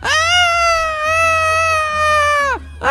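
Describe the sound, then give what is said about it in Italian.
A long, loud, sustained vocal cry with a steady harmonic pitch that bends downward at the end, people imitating a seagull's call as a big cheer for a female winner, with a brief second cry starting as it ends. “Quindi facciamo un grande grido del gabbiano per la nostra vincitrice.”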